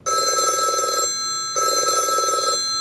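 A telephone rings in two long electronic bursts with a short pause between them, loud, with no voices present. It is the alarm signal of a baby hatch in Karlsruhe, Germany, meaning the hatch has been opened.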